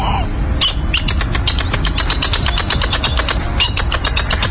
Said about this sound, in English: Scientific name, according to the biologist's handbook of pronunciations, Jacana spinosa. We call it the northern jacana.